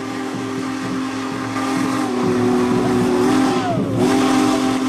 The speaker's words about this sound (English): you don't have to get too close to hear Big Boy's powerful whistle echo across the landscape